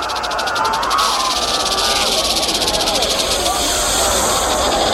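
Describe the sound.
Venomous snakes hiss loudly and steadily, with a rapid pulsing rattle at first that smooths into a constant breathy hiss, while faint, indistinct voices murmur underneath.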